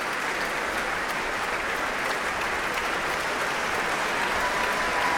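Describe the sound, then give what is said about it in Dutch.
Sustained, dense applause from a large audience in the Concertgebouw, a standing ovation for Guy Brownstein joined by musicians of the Concertgebouw Orchestra, a steady roar of many hands clapping at once with no breaks, loud and even throughout. “Een staande ovatie voor Guy Brownstein. Een applaus ook van de muzici van het Concertgebouworkest.”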